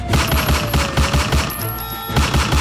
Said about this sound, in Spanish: Un intento de fleteo termina a disparos en el barrio Calima, ahí en todo el frente de la 14 Calima. Momentos de pánico se vivieron en la tarde de ayer, martes 4 de agosto.